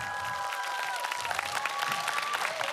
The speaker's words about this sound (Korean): 멋진 소리 들려주신 …께 다시 한번 뜨거운 박수 부탁드립니다.